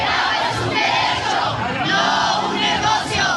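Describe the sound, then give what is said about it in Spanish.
A large crowd protesting dirty water reaching city homes and demanding the resignation of governor Pablo Lemus chants together, many voices merging into a loud, continuous roar with rhythmic swells that rise and fall, and no single voice stands out. “Los participantes en la movilización señalaron que el agua es un derecho humano.”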